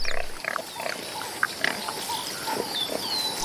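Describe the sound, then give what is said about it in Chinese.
A male warthog grunts in a handful of short, rough bursts at an uneven pace, moderately loud over a steady hiss of outdoor background noise, with no voices. “这头雄性油猪下獠牙比狮子的犬齿长得多，还锋利得多，连斑猎狗见了都要绕着走。”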